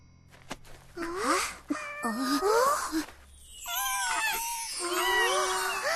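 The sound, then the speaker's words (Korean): Several cats behind a house meow and yowl in drawn-out, wavering cries that rise and fall in pitch, overlapping one another, with brief gaps early on and a sustained loud stretch toward the end. “우리 집 뒤에 고양이들이 있어.”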